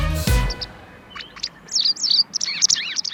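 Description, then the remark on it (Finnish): A bird sings a lively series of high, warbling chirps and whistles, clear, following a brief low thump at the start. “Kyllä, vain siinä lauloi lintu”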